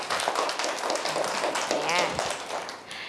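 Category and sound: crowd, clapping hands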